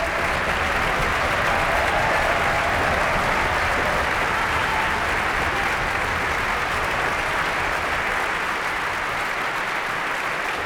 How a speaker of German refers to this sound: tosender Applaus für das ORF-Radiosymphonieorchester Wien und Marin Orsak.